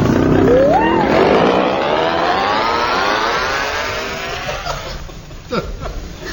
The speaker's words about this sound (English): Come now, hold this outboard motor.